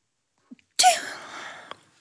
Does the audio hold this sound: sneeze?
yes